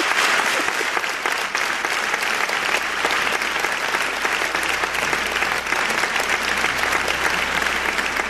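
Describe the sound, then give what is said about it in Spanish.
Sustained audience applause, a dense steady wash of many hands clapping at a constant loud level for the full length, with no clear voices standing out. “Pido un aplauso para ella.”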